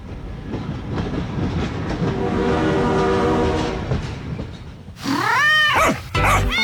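A train rumbles steadily along the tracks, with a sustained horn-like tone swelling midway. Near the end, a loud cat meows a few times, sliding up and down in pitch.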